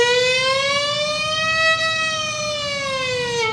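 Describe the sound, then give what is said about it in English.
An ambulance going down the road, its siren wailing loudly and continuously, the rich tone slowly rising then falling, with faint low road rumble underneath and no voices. “There was an ambulance going down the road.”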